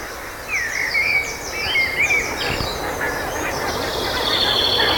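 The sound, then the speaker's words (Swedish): Geese call in a chorus of honking, rising and falling cries as they arrive on their way out to the fields, layered with other bird chatter over a steady outdoor hum, with no one speaking. Morning, a short way up from the coast near Morups tånge. “Man hör gässen komma.”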